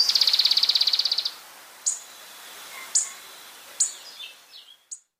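A moustached brushfinch (Tlapetes bigotudo) sings alone, in a recording from the Colombian Bird Sounds Bank compiled by the Humboldt Institute and Cornell University: a rapid high-pitched trill of even buzzy notes, then a few separate sharp high chips and short descending whistles spaced about a second apart.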